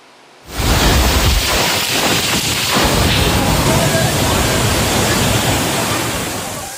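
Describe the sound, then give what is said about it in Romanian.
A violent storm in Zürich, Switzerland roars in abruptly and loudly, a dense rush of strong wind gusts that broke trees, with a few heavy low buffets early on, then a steady howling wash that barely eases. “Rafale puternice de vânt au rupt copaci, apa a pătruns sub soluri.”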